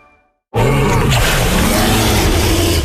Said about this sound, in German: Das war jetzt aber kein Löwe. Papa, das sind doch die Dinos im Zoo Osnabrück. Die sind da überall. Stimmt. Im Zoo Osnabrück gibt's jetzt über 20 lebensgroße Saurier.